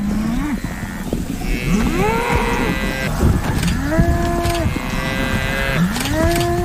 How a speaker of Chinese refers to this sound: 非洲水牛还在不停地顶他，快看，天哪，母狮都被他们甩飞了。 他肯定断了不少骨头。